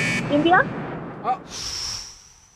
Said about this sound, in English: It was on the buzzer.